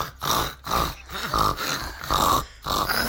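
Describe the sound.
A person imitates a group of pigs, making a run of rough, throaty grunts and snorts in quick bursts separated by short breaths, fairly loud with no speech.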